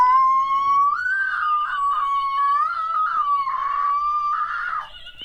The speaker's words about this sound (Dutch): ze is 2,5. En ze wil iedereen graag een goede morgen wensen met haar uitzonderlijke zangkunsten.